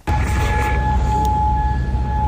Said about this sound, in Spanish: Así suenan las sirenas antiaéreas de Kuwait tras el último ataque iraní con misiles y drones contra bases estadounidenses ubicadas en el país.